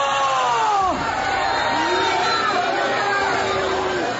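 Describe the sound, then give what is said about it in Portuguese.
A crowd shouting loudly together for Jesus to burn, many voices overlapping in a dense, continuous roar with rising and falling yelled tones sustained throughout. “Vão gritando para Jesus queimar.”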